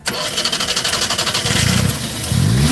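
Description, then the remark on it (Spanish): A petrol car, not electric, cranks with a fast pulsing rhythm, then catches and revs up loudly, its pitch climbing twice in strong bursts. “Este magnífico coche, permítame que te diga, que suena exactamente así.”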